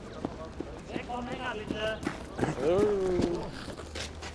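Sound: horse hooves clip-clopping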